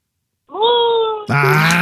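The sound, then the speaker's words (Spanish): A person imitates the moo of a spotted cow: a long, drawn-out vocal tone that starts steady and mid-pitched, then drops into a louder, lower, rougher bellow that continues to the end. “Yo lo único que voy a hacer, yo te voy a contar un cuento y tú vas a hacer los efectos, ¿ok? Ok. Ok, lista. O sea, si yo digo, estaba una vaca pinta, ¿qué vas a hacer tú?”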